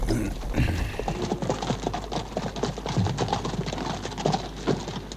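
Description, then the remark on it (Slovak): Horse hooves clip-clop steadily, a busy run of overlapping hoofbeats with no talking, like several horses walking over hard ground. “Ostaňte tu. A strážte kone.”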